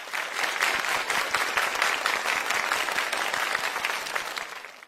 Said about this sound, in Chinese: 三位同学还光荣地考上了内初班，请各位老师为自己鼓掌吧。